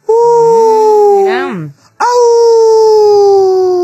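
A wolf howls in two long, loud, drawn-out cries, the first wavering up and down in pitch before breaking off, then a short pause and a second steady howl that slowly sinks.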